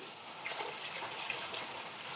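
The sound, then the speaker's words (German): Alcohol pours from a whole bottle in a steady, splashy stream that starts abruptly after a brief moment of quiet and continues at an even, fairly loud level with a bright, hissing texture; no one speaks. “Und jetzt Alkohol. Direkt die ganze Flasche.”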